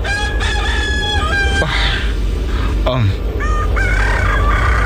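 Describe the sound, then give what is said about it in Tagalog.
Several roosters crow at dawn in overlapping bursts, some louder, others fainter, over a steady rustling outdoor background with other faint bird calls. “Babatian ko na ang pagpanukturook sa mga manok.”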